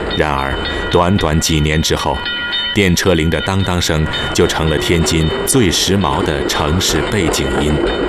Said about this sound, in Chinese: 一开始，人们害怕电车行驶时轰隆隆的声音。